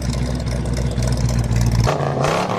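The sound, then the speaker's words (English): The engine of the Bullitt Ford Mustang, the Steve McQueen movie car, revs loudly and steadily, its deep rumble holding for about two seconds before the pitch shifts and rises into a higher whine. “The most legendary movie car of all time. Ladies and gentlemen, the Bullet Mustang.”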